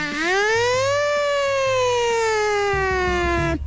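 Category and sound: vocal imitation, voice imitating a siren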